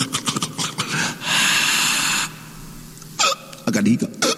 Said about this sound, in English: I got a hiccup. Excuse me.